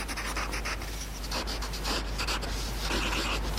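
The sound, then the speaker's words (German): A pencil scratches across paper in continuous strokes, with a soft gritty rasp and brief pauses between movements. No voices are heard. “Ich mag auch das Geräusch, wenn man mit Bleistift so auf Papier schreibt.”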